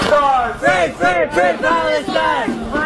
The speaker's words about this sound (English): It began as a loud protest at a federal Liberal Party office at Peel and Sherbrooke.